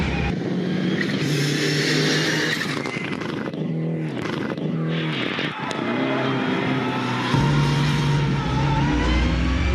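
An Evo 6 rally car engine, with a lot of torque and a maximum of about 5500 to 6000 rpm, revs hard and continuously during a test drive, its pitch climbing and dropping through gear changes, loud throughout with a deep rumble that swells near the end.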